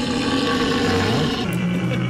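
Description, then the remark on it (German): A red deer stag bellows a deep, drawn-out rutting roar, loud, with a harsh rumbling tone that wavers slightly in pitch across the call. “Die Beamten am Telefon haben dann aber durch den Hörer erkannt, das sind keine Bären, das sind Hirsche.”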